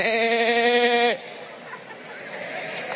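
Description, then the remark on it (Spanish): A crowd of people, asked to make sheep voices on a count of three, loudly imitate a sheep, a drawn-out wavering "meee" bleat lasting about a second, then it cuts off into a low murmur of crowd noise. “A ver, todo el mundo, hagan como ovejas.”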